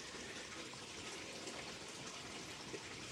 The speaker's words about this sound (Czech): na to, co slyšíte v pozadí a některým lidem to vadí, šumění vody.